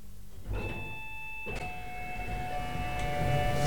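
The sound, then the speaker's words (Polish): Two bright electronic chimes ring out as elevator doors open at the ground floor, followed by a steady low mechanical rumble and hum. No one speaks. “I teraz te drzwi, przed którymi stoję, powinny się otworzyć.”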